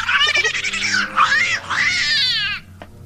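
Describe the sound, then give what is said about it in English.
A cat named Susie yowls loudly and continuously for about two and a half seconds, a wavering, rising and falling caterwaul, ending abruptly, in a dark room by a window lit by a street lamp. “Susie, what's the trouble? Kitty, what?”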